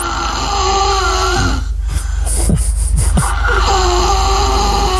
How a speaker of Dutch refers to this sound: Want het ventje is 3,5 en hij snurkt als een bouwvakker.